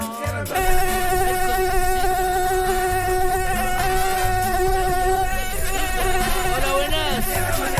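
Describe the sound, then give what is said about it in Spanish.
An Aedes aegypti mosquito, the species that carries Zika and is hunted in Arica, whines in a high, continuous drone for several seconds, its thin buzzing tone wavering slightly in pitch, loud and unbroken with no voices over it. “El famoso, el que de acá en Arica lo buscamos, cielo, mar y tierra. El Aedes aegypti.”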